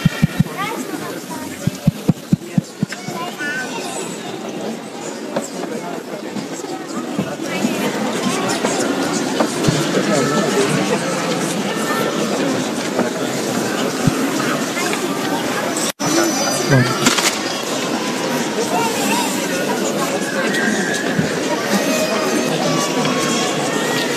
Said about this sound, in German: Ja, liebe Zuhörer von Radio Maria, Sie hören es, hier findet gerade der Einzug in die Stiftskirche in Kempsmünster statt mit den Familien, die gerade eine Prozession durch diesen Ort gemacht haben.